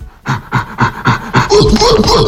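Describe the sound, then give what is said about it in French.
Gorilla cries: a run of rhythmic, breathy panting grunts, about five in quick succession, rising into louder, higher-pitched tonal hoots and shrieks at the end. No one speaks. “Alors, un gorille. Oui. Ouais, c'est un grand singe.”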